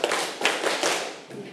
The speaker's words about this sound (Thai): การตื่นตัวเล็กๆน้อยๆนะคะอ่ะให้พร้อมที่จะทำกิจกรรมแล้วปรบมือ5ครั้ง